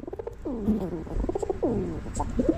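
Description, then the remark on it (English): A pigeon or dove coos in a series of low, throaty, warbling calls that swoop up and down, over a faint background hiss. “That sounds more like a pigeon, but there's another.”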